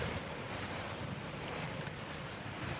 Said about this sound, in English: in his cockpit as the ship rolled from side to side to let the murky green waves slide past with a swish.